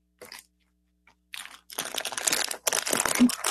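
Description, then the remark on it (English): Dry, crackly crinkling like a cigar being rolled between fingers, starting in short bursts and then becoming a steady, fairly loud rustle with no speech. “are you rolling a cigar or?”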